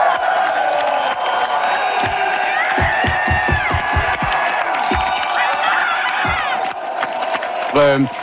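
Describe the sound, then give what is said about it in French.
A large crowd of Parti québécois supporters cheers loudly and continuously, with whoops, shrill shouts and a burst of rhythmic clapping partway through, the roar sustained to the end. “Et ça a beaucoup, beaucoup motivé les troupes du Parti québécois, comme on peut l'entendre dans cet extrait.”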